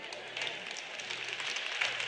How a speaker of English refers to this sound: Well, you'll clap louder by the end of the weekend, so it's all right.